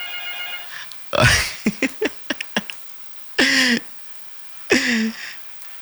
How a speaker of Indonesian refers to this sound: Bagaimana cara aku angkat telepon tak semua ini? Tidak bisa diangkat karena baku tabra antri ki satu-satu ki masuk.